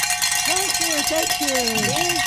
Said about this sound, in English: Ladies and gentlemen, we did ring it. Some bells. Woo!